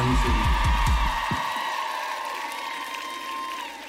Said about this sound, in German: Applaus für Keule!